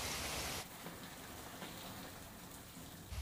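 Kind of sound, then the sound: nature, hailstorm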